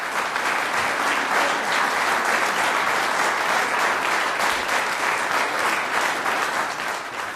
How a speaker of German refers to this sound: Franz Danzi, Bläserquintett in G-Moll. Das ist der Applaus für das Quintett Aires Tropicales.